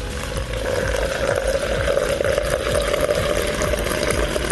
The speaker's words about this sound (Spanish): El agua para el mate. Está largo, el chorro. Era un mate embudo, ¿viste?